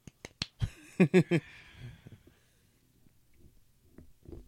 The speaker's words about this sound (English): Woo. Golf clap.